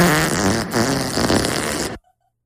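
A loud, drawn-out fart lasting about two seconds, buzzy and sputtering with a wavering pitch, then cutting off abruptly into silence. No voices accompany it.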